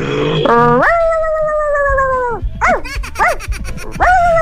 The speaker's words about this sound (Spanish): Tenemos puro perro aquí. Pero ese es como chaparrita, ¿no? Es chihuahuita. Sí, chiquito.